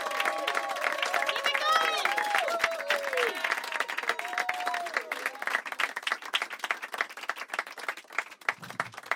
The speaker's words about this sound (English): Keep it clapping until he gets here.